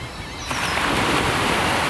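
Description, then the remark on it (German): A steady wash of surf swells up after a brief quieter moment, a broad hissing roar of large and small waves breaking continuously on a beach, with no voices present. “Frieden klingt wie ein Meeresrauschen und ein Vögelzwitschern oder ein Möwenzwitschern am Strand. Die Wellen brechen auf den Strand ein, große Wellen, auch kleine Wellen.”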